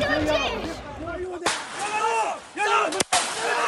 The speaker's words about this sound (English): We've just heard 2 shots fired from down below in this village.